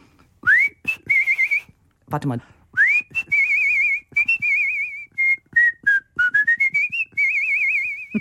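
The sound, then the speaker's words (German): A person whistles a lively, warbling bird-like tune as the small bird in a stage musical, shown as a hand puppet, with rising chirps and trilled sustained notes in quick phrases, briefly interrupted by a short spoken remark. “Meine Lieblingsrolle war allerdings der kleine Vogel. Den habe ich zwar nur als Handpuppe gehalten, aber im Hintergrund gepfiffen.”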